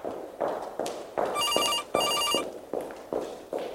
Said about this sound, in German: Entferntes Gestöckel, dann ein läutendes Telefon.